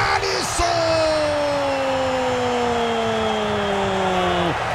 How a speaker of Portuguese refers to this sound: A torcida eufórica vem pro toque de bola do Haiti.